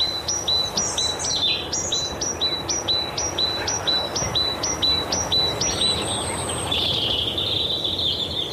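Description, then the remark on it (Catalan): A great tit (Parus major) sings a quick, steady series of repeated two-note whistled phrases, bright, over a constant background hiss of outdoor ambience. “Mallerenga carbonera. Parus major. Ocell que habita els boscos totes les estacions de l'any.”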